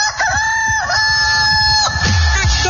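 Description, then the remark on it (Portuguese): A rooster crows once, loud, a long, strained cock-a-doodle-doo that holds steady before breaking off, with a brief rustle at the end and no voices, in a Rio Grande election campaign ad for candidate Gabriel 15. “se o galo cantou é porque tá na hora do Gabriel 15, porque o Rio Grande não pode parar.”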